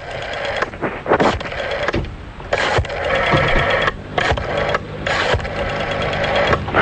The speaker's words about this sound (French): Et on y va, c'est parti, on est en train déjà de composer le numéro de téléphone. Voilà qui est en train de se faire.